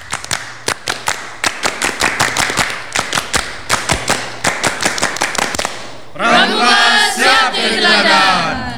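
A group of Saka Bayangkara scouts of Polres Madiun, Indonesia, does the Pramuka scout clap twice in sharp unison, a patterned rhythm of quick claps and brief pauses, then ends in a burst of loud cheering and voices shouting together.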